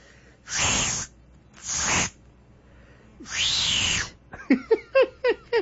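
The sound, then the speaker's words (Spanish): Someone tries to whistle but only blows three long, breathy hisses of air, followed by a quick run of five short, squeaky pitched chirps. No talking. “Se me hace que se me acabó el saldo del silbido, mira.”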